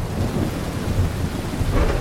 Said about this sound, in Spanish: ¿Verdad que está bien buena la lluvia? Vete acomodando. Y luego cae un rayo en ese momento. No. Es bonito disfrutar de la lluvia y escuchar, pues, los sonidos que emergen de los truenos, de los rayos, de relámpagos y cuanta cosa más, ¿no?